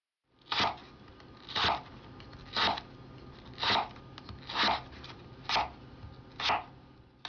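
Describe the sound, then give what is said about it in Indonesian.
A knife slices carrots to an even thickness in seven crisp, even strokes, about one per second, each a short scraping crunch over a faint steady background with no talking. “Jadi pastikan memotong semuanya secara merata.”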